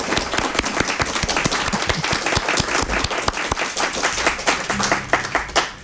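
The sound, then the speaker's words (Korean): Sustained audience applause for the performers after a concert piece, many hands clapping in a dense, steady crackle at an even loud level for several seconds, with no voices speaking. “네, 수고하신 연주자분들께 다시 한번 박수 부탁드리죠.”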